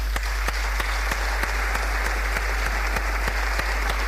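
Sustained audience applause at a municipal merit award ceremony as a representative of the textile company Unitur is called to the stage, a dense steady wash of many hands clapping, with sharp individual claps standing out at a regular beat throughout. No one speaks over it.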